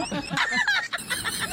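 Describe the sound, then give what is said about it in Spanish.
A hen clucks in a quick run of short, throaty notes over about a second and a half, moderately loud, with no talking. “Mira, hasta la gallina le dio gusto.”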